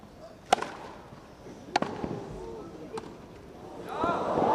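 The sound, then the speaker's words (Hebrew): Three crisp tennis ball impacts from a drop shot in a tennis match land about a second apart, sharp, over a low background murmur of voices that swells into crowd noise at the end. “איזה דרופ שוט אמנותי”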